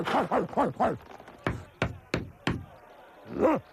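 Four solid knocks on a door, evenly spaced, come after a short burst of rhythmic vocal sounds, with another brief vocal sound following.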